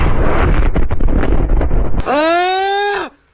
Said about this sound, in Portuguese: De repente, uma nova explosão.